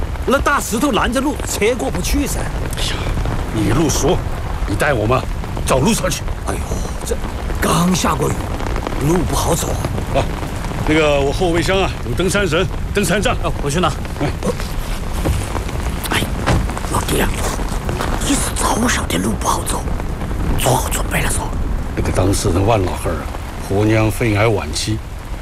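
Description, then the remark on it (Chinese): Steady rain patters on hard surfaces in a constant hiss that fills the whole scene on a mountainside, while people talk over it at times. “哎，是，我在半山腰等你们，手机没得信号，我一看下雨了，怕你们不好走，就下来接你们了。”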